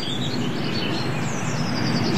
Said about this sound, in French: Ça, c'est les mésanges que t'entends. Un avion aussi.